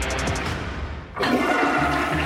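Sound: toilet flushing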